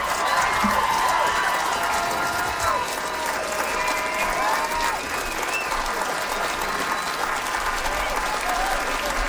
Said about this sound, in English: Another round of applause for Mason.